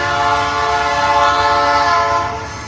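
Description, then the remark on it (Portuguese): A train horn blares in one long, steady, loud tone with rich layered harmonics, over the low rumble of the moving train, easing off slightly at the very end. “O uso de telefone e conversas nestes locais pode tirar a nossa concentração e foco, o que torna difícil ouvir a aproximação do comboio.”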